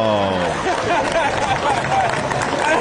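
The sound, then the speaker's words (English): A comedy club audience in New York reacts to a comedian's joke about 9/11 in a steady, dense wash of cheering, laughter and clapping that stays loud for the full few seconds, with a brief held tone at the start. “Hear that crowd? They love it.”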